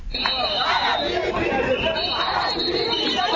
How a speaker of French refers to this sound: Le son des sifflets, des cris et des chants a résonné devant les bureaux des Instituts nationaux de la recherche et de l'animation pédagogique INERA. Réunis sur place, les anciens contracteurs dénoncent plus de 3 mois d'arrivée de salaire.